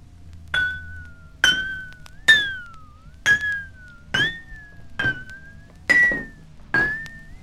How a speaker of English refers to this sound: Before I can add water, I must arrange the empty glasses according to pitch, from the lowest to the highest, like this.